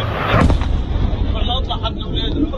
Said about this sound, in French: Ces bruits sont provoqués par des avions israéliens qui dépassent le mur du son. On appelle ça le bang supersonique et il semble être utilisé dans le cadre d'une guerre psychologique.